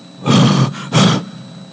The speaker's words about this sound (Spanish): ¡Wow! Llegaron los tigres. Entonces venían 3.